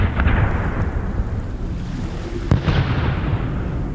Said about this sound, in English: There was a huge explosion of gunpowder and the whole ship went up.